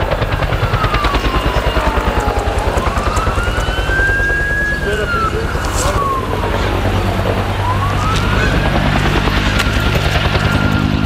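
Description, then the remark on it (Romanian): Steady rapid thudding of helicopter rotors fills the scene, loud and continuous, as planes and helicopters make drops to put out a fire at a recycling site. A wailing siren rises and falls in slow sweeps over the top. “Και ακόμη βλέπετε από τις 6 ώρα το πρωί συνέχεια ρίχνουν τα αεροπλάνα και τα ελικόπτερα για να σβήσουν τη φωτιά στην ανακύκλωση.”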